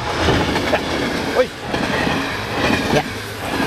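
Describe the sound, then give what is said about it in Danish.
A train rumbles past at a railway level crossing, a steady loud roar with rhythmic clatter and faint squeals, continuous throughout. “Man kan høre, toget kommer i øvrigt.”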